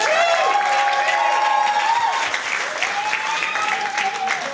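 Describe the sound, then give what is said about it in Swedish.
An audience claps steadily and loudly for several seconds, a dense wash of applause with high cheers and whoops rising over it, tapering only slightly toward the end. “En applåd.”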